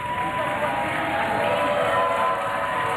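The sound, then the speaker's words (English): A large crowd at the Ocho cheers and roars steadily during a New York game, a dense, loud wall of voices with no individual words standing out. “Crowd loving it.”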